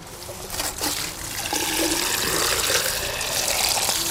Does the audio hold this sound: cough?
no